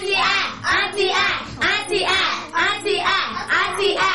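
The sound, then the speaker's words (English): A group claps together in a steady, rhythmic pattern, bursts of clapping repeating about twice per second for several seconds, fairly loud, as a 'sound clap' for a correct answer in a Bible quiz. “Correct. A sound clap.”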